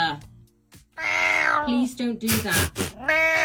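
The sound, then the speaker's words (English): Arthur the Cat, a pet famous on social media, meows several times, drawn-out and loud, each call bending in pitch with a strangely human, almost mocking quality, separated by a few rough, breathy bursts. “Now, one of my favourite pets with a human name is on the social media, everywhere on social media, in fact, Arthur the Cat, whose meow sounds like a person taking the mick out of a cat by doing a meow.”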